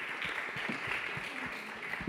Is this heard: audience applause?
yes